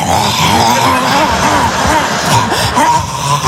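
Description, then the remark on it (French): A person vocally imitates a dog finishing the last of its food bowl, with loud, continuous slurping, smacking and grunting noises and wavering nasal pitches for a few seconds, without words. “On dirait un chien sur une fin de gamelle.”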